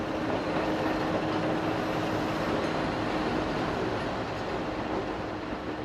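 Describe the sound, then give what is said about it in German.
A steady, continuous rumble of a train running along a railway line in Sardinia, Italy, constant throughout, with a broad low roar and faint metallic hum and no voices. “Die Bahn sollte dabei als Zubringer zu den Häfen dienen.”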